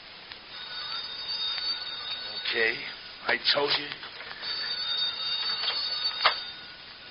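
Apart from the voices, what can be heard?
telephone ringing unanswered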